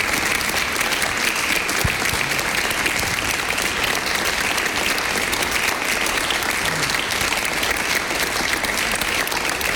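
An audience at an evening talk applauds the guest speaker, clapping steadily for about ten seconds, a dense, even wash of many hands with no lull and no voices rising above it.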